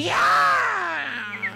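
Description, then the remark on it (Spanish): A person imitates a cat's horrible sound, a meow: one loud, drawn-out voiced cry that bends up and then slides slowly down in pitch, trailing off into a few faint, short chirps. “Y hace ese horrible sonido como...”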